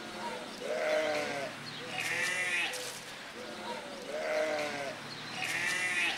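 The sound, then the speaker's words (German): A group of guinea pigs at a petting zoo squeal insistently for food as they are being fed, with high, wavering wheeks overlapping in repeated bursts every second or so, steady throughout, with no talking. “Die Schweine rebellieren schon.”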